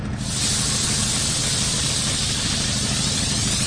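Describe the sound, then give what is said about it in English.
A steam cleaning machine, filled with water and a proprietary chemical, lets out a loud, steady hiss as its steam button is turned on to dissolve gum, starting abruptly and holding constant, a dense rushing spray of steam with a low mechanical rumble underneath. “And what we do is turn on the steam button.”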